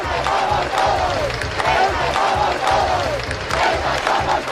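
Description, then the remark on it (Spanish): A large crowd at a rally for Ceuta in Castilla-La Mancha, Spain, roars and chants steadily outdoors, a dense wash of many voices shouting together with rhythmic swells and no single clear speaker, loud throughout. “Miles de personas han participado en las concentraciones por Ceuta, la más numerosa, la de Albacete, con 28.000 ciudadanos, según la delegación del Gobierno.”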